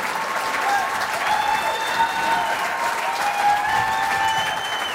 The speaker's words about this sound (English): Und immer wenn ihr diesen Jingle hier hört, dann wisst ihr, da steht jemand vor der Tür. Und der Jingle, der geht so. Ladies and gentlemen, at this time, the star of our show, and how about a great big round of applause.